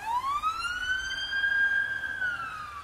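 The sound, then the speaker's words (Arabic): An ambulance siren wails loudly as the ambulance enters a neighbourhood, one long rising-and-falling tone sweeping up and slowly easing back down over a low rumble of traffic. No one speaks. “إسعاف داشة بريشنا الله يستر عسى خير.”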